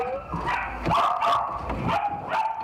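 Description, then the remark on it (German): Several puppies kept in boxes at a Belgian dog dealer bark and yip in overlapping, high-pitched bursts, a restless chorus of small voices with some whiny tones mixed in, and no one speaking. “Die Welpen werden hier in Boxen gehalten, in denen sie nichts von ihrer Umwelt mitbekommen.”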